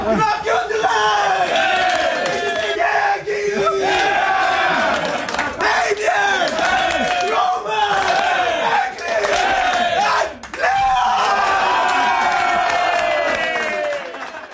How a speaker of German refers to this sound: Ja, eben ein riesiges Geschrei in der Garderobe.